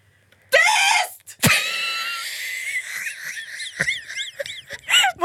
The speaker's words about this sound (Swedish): Det där var … nu, hur hon skrek.